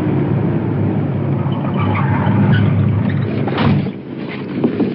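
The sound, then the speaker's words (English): A suspect's car, being pulled over by police near Ocean and 18th Street in Santa Monica, rumbles with a steady low engine drone, then the sound eases and dips near the end as it moves over the curb and comes to a halt. “The suspect is moving his car over the curb. Stopping.”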